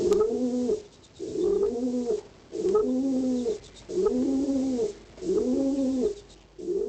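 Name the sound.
pigeon cooing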